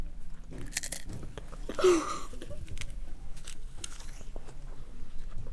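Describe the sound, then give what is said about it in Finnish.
Close, wet chewing and crunching right at the microphone, a steady run of biting and munching sounds with a brief louder crunch early on, no one talking. “Erittäin harvinainen pureskelutapa.”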